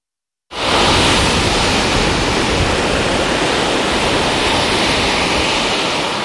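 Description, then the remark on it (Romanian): Sea waves pound a beach on the Romanian coast, where strong currents have led to a red flag banning swimming, in a loud, steady wash of surf that cuts in abruptly and roars on without pause; no voices are heard. “Spre prânz, curenții au devenit și mai puternici. A fost arborat steagul roșu, semn că este interzisă complet intrarea în mare.”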